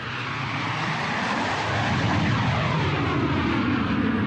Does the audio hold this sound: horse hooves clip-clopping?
no